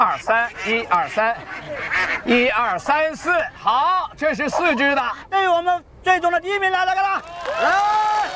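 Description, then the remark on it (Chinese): Ducks quack loudly and nearly nonstop, their calls overlapping in busy, uneven bursts, with what may be people's voices mixed into the noisy scene. “清点人数，清点鸭子的数目，三只以上的才有资格参加点数。”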